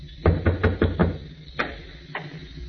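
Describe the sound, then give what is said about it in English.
A quick run of five firm knocks on a door, followed by two more spaced-out raps, distinct with no voices. “I went upstairs, opened a bottle, and waited for your knock on my door, Commodore.”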